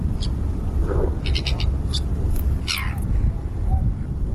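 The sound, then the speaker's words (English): A tern gives a series of harsh, high, rasping calls in short bursts, some doubled, over a steady low rumble of wind or surf. “I've got the sound of a tern here, so this isn't the mystery bird, and I'll get back to the mystery bird clues probably after three so that you can keep guessing for that one, but this is what a tern sounds like.”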